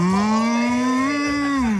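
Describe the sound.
A person's voice imitates a cow mooing: one long, steady, fairly loud low moo with a slight upward bend, sustained for nearly two seconds and heard alone.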